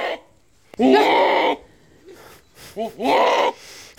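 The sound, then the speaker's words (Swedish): A Damascus goat bleats twice, loud and wavering, with a short quieter bleat in the pause between the two long calls. “Och vill du ha den stora äran och berätta vad den heter? Den heter då Damaskusget.”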